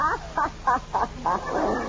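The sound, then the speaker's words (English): A voice clears its throat in a run of five or six short, rhythmic, croaking bursts, evenly spaced and fairly loud, ending in a rougher, drawn-out rasp. “No, I was clearing my throat.”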